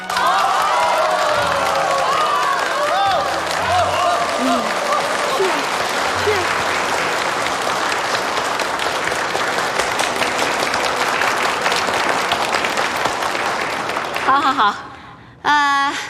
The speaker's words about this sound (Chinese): 下面我们用最热烈的掌声欢迎他们二位新人上台。